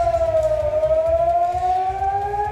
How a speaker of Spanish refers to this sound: La sirena sonando en Israel, donde la Guardia Revolucionaria iraní ha lanzado misiles esta pasada madrugada, y ahora mismo tenemos noticia de que se podían estar produciendo nuevos ataques.